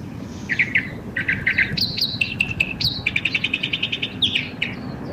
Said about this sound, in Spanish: Mira, ¿qué estarán diciendo esos pajaritos, ah? ¿Qué estarán diciendo, ah? Siempre me he preguntado eso cuando escucho a los pájaros. ¿Qué se dirán?